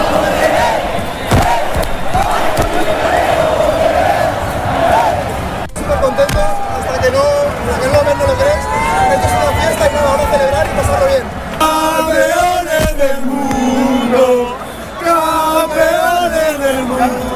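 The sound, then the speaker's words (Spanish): A large crowd of football fans in the Plaza de las Tortugas in Palma celebrates Argentina's second World Cup win loudly and continuously, chanting and singing together in sustained, wavering tones over dense cheering, with rhythmic thumps and claps running beneath. “Palma colapsada para llegar hasta la Plaza de las Tortugas, donde los aficionados lo dieron todo para agradecer a la selección esta segunda Copa del Mundo.”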